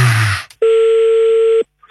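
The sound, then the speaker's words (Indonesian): A single steady electronic telephone tone sounds for about a second as a call is placed again, loud and clear with no voices, after a short burst of noise and a brief silence. “Kita coba lagi telepon.”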